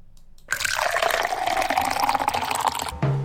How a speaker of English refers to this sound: Pour the coffee, grab the toast.